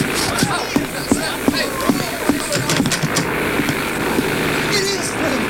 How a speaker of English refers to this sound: A plane. You know, one of them air contraptions that fly in the air.